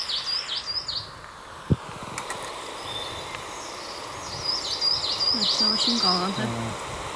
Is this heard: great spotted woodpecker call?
yes